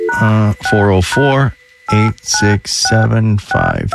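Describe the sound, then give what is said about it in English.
A radio host at 97.1 The River in Atlanta dials a phone number to call it: a quick run of about eight short, bright keypad tones in an uneven rhythm, with a brief pause partway through, fairly loud. “Hang on, I got to call it to see what happens.”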